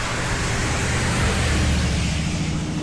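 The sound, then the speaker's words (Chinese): A loud, steady roar of two early American-made automobiles in Shanghai's International Settlement, with a deep rumbling low end and broad hissing noise, holding constant throughout with no pauses and no voices. “这么2辆发出巨大轰鸣、跑得比马车还快的车子，在上海滩的10里洋场招摇过市，那个拉风劲儿就甭提了，人们也是竞相出来围观呀。”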